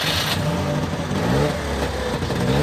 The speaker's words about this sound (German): Ach, das klingt sehr zweitaktig, das muss ein Trabant sein, oder?